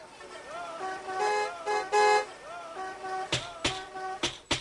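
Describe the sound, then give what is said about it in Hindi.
A car horn honks several times in short, blaring bursts as a car sent from Lat Sahab's place arrives, with voices murmuring in the background and a few sharp knocks near the end. “अम्मी जान, लाट साहब के यहाँ से गाड़ी आई है।”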